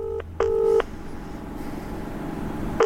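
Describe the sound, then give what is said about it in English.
A phone's ringback tone plays over a speakerphone, calling Joey Page, in a double-pulse pattern: two short electronic buzzes, a long pause, then the next ring begins, with a low hum underneath. “It's still ringing.”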